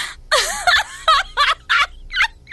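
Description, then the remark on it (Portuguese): A voice imitates a chicken clucking, with about six short, squawky bursts in an uneven rhythm, loud, with nothing else heard around it. “Que é isso que você fez, olha? Eu com a galinha?”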